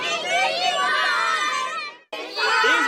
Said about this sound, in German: Eine Übung beim Sicherheitstag, wie sie sich für Traktorfahrer bemerkbar machen sollen. Auf Zeiten gehen und wenn man mitfahren mag, winken und ganz laut schreien, ich mag mitfahren.